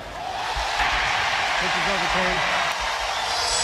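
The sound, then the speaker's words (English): A large stadium crowd roars steadily and loudly as a challenge calls strike three to end the Detroit Tigers' 11-0 win over the Minnesota Twins, a dense wash of cheering with one voice rising above it in a wavering shout midway through. “Crowd tells the story.”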